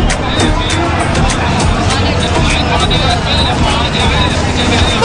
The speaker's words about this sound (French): Au cœur du tumulte de la foule qui se presse dans les commerces, des taxis et tuk-tuk qui se faufilent dans la circulation chaotique, il est presque difficile de lever les yeux.